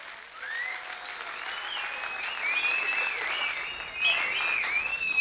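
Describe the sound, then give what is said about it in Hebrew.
The audience at the live broadcast final of a show choosing Israel's paytan or singer, at the culture hall in the Ramot neighborhood of Jerusalem, applauds steadily for about five seconds, a dense wash of clapping with scattered whistles and cheers rising over it, swelling slightly near the end. No one speaks. “ואנחנו בשידור חי, מכאן, משכונת רמות ירושלים, מחל התרבות, ונמצאים כאן כל הקהל שכבר הגיע בהמונה, ואיפה כפיים? תעשו כפיים!”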